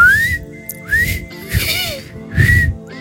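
Someone tries to whistle a tune, producing a few breathy, wavering whistled notes that rise and slide, interrupted by airy puffs and pauses, fairly loud.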